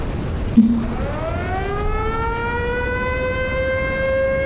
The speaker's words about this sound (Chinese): 什么声音？ 空袭警报，日本人的飞机要来了。